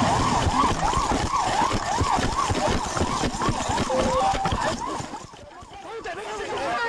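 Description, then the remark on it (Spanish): Police sirens wail in rapid, overlapping up-and-down sweeps, loud, with heavy traffic and engine noise beneath, fading slightly toward the end, during a police car chase in the city of Seville, Spain. “Y en Sevilla capital ha tenido lugar este fin de semana una espectacular persecución policial.”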